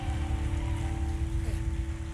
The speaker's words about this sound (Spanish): Dele ese aplauso fuerte.